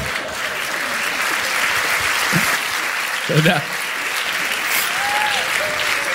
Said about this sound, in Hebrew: יפה, הרבה גברים מוחאים כפיים, יש כמה פמיניסטיות, פחות התחברתי לקטע הזה.